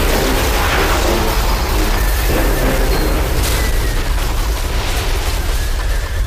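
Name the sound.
earthquake rumble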